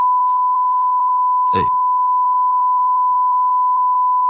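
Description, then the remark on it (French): A steady, high-pitched censorship bleep runs unbroken through the whole stretch, masking speech whose rhythm still pulses faintly beneath it, with one brief noisy burst partway through. “Ouais, bah, merci l'Arcom de la censure en direct, c'est vrai que ça va plus vite comme ça.”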